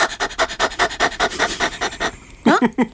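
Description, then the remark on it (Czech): A person imitates a dog's panting with a quick, even run of about a dozen loud breathy huffs, then a couple of short voiced sounds at the end, done as a warm-up exercise to activate the diaphragm. “Jo, a taky nejlepší je na rozhýbání, tak je dělat takovýho toho psíka.”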